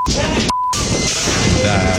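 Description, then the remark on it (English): Loud, chaotic smashing of a machete against a bus by a man, harsh, with shouting voices mixed in and a short electronic beep cutting through near the middle. “He took the bike off the bike rack, and then he took his machete, according to police, and he started smashing the bus. And this is what it sounded like.”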